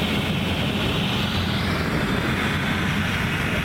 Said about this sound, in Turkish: Dutluluk'taki alevlerle mücadelede en büyük görev onlara düşüyor. Yangın söndürme helikopterleri aralıksız bir şekilde sorti yapıyor. Şu anda da bir helikopter yine Bambisine suyunu aldı ve yangınlarla mücadele için Dutluluk köyüne doğru yola çıkacak